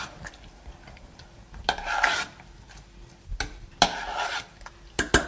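A spoon stirs apple sauce in a pot, giving irregular raspy scraping strokes broken by sharp clicks against the pot's side, moderately loud with no voices.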